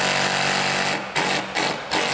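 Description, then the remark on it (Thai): A hammer drill runs loud, a dense rattling buzz driving into wood, broken by a few brief pauses and restarts. It is an impact drill with only an impact mode, meant for drilling concrete, used here on wood. No one speaks. “เสียงอาจจะแปลกๆนะคุณผู้ชมเพราะว่ามันเป็นจอกกระแทกอันนี้ไม่มีโหมดอื่นด้วย”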